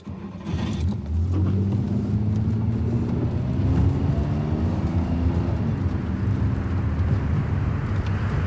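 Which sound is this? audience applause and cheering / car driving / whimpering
car driving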